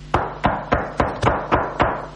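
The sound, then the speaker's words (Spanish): Seven firm knocks on a door in a steady, even rhythm, each a sharp, solid rap that fades quickly. Clear, with no voices. “¿Sabés lo que es golpearle la puerta a Otamendi y ir a explicarle que sale?”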